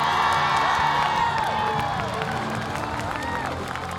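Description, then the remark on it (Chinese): A loud, steady wash of crowd applause and cheering for a teacher returning to the dancers' hall, with excited shouts and whoops rising above the clapping throughout. “同时，我们把掌声送给”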